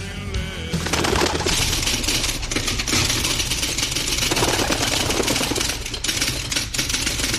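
A carrier pigeon, Zuriaga, coos on a home balcony amid a dense, continuous burst of wing flapping, loud, with the fluttering holding steady for several seconds and no one speaking.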